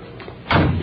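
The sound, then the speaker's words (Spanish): A patio door bangs shut with a single dull, fairly loud thud as someone enters, after a brief moment of low room noise and no voices. “Parece que sonó la puerta. La puerta del patio.”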